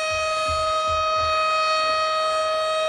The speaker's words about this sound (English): This siren's killing me. It's awful. Oh, I just don't know what to do with it. Just don't do it then. It's too late. It's done. Oh, my God. It just doesn't stop.